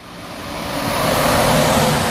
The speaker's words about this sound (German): LKW an LKW rauscht vorbei. Die Bundesstraße 400 teilt das Dorf Ulfen in zwei Teile.